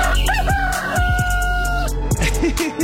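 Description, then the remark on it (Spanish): A rooster crows loudly on a very cold morning, one long drawn-out cock-a-doodle-doo with a few clucking sounds around it and no talking. “Y los gallos andan hasta ahí con sueño, hombre.”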